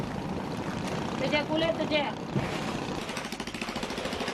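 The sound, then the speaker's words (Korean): A tuna fisherman's small motorboat engine putters steadily, a rough, rhythmic chugging that grows more evenly pulsed toward the end, with a brief voice heard over it midway. “그의 배는 자그마한 모터배.”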